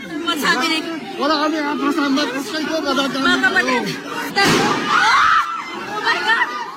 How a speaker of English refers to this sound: There were incredible scenes in the Philippine Senate earlier, which, as we go to air, has been on lockdown after gunshots were heard inside the building. Footage from inside shows crowds of lawmakers and journalists trying to take cover.